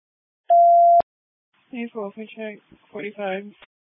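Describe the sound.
A single loud electronic beep, steady and half a second long, ends with a sharp click, followed after a short pause by a voice talking over a radio channel.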